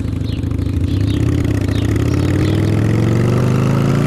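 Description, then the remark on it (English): A motorcycle engine runs with a steady, rumbling idle, its pitch climbing gradually as it revs up. The sound is loud, continuous and alone, with no voices. “He thinks he's invincible on that motorcycle.”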